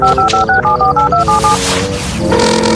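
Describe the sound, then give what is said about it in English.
Phone keypad dialing tones as someone calls Officer Lewis of the Discovery Mountain Police Department: about a dozen short electronic beeps in a steady rhythm, loud, followed by a brief rising ring tone over a low background hum. “Now, where's my phone?”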